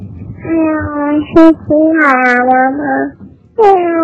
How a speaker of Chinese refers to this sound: 先是小猫咪。